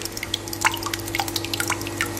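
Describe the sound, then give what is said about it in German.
Homemade yogurt, made from the household's own milk rather than bought, being measured out and poured in, splashing in a quick, irregular patter of small wet drips and plops over a steady low background hum, with no one talking. “Joghurt hast du selbst gemacht, ne, aus der eigenen Milch, genau. Also nicht aus dem Supermarkt gekauft, hat die ja gerade abgemessen und reingeschüttet, hör mal, was passiert ist.”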